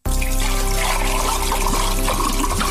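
Water pours and trickles steadily, a loud continuous splashing stream that runs the whole time over a faint sustained musical tone.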